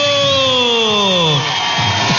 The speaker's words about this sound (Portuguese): Palmas pra todo mundo.